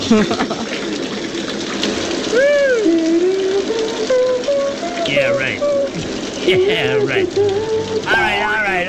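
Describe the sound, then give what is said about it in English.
A shower installed next to a booth at Planet Hollywood runs, its steady hissing spray filling the whole stretch, while a voice warbles and sings wordless, sliding notes over the water. “In fact, we've had a shower installed here at Planet Hollywood, right next to our little booth here to keep the show fresh and just well scrubbed.”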